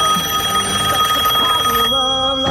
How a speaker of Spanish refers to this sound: Qué bien ese telefonito. ¿Te gusta el sonido? ¿Te gusta?